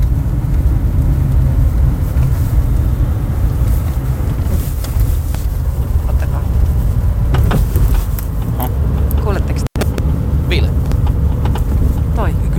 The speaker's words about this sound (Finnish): Se nakuttaa. Perässä selvästi tuossa taka-akselin.